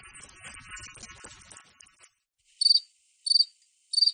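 crickets chirping

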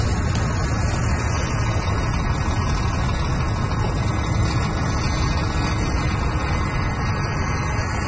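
traffic

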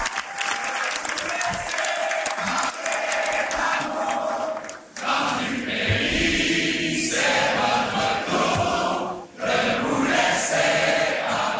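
crowd singing an anthem

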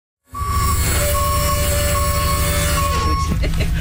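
bus wheelchair lift operating

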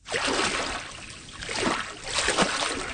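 water

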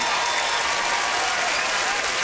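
audience cheering and applauding

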